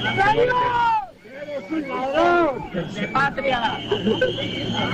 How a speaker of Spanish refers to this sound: Insultos y abucheos desde la gente que está allí esperando a que comience el desfile